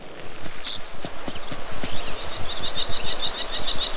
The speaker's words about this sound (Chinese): 红隼的叫声引起了许多动物的注意，金雕的偷袭计划因此落空，看它们纷纷提高警惕。